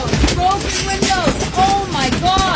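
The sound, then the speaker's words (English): Golf ball-sized hail pounds against windows in North Central Regina, breaking them, in a loud, dense, irregular barrage of sharp cracks and thuds, while a voice rises in short wavering cries underneath. “You can hear the hail hitting the windows, taking them out.”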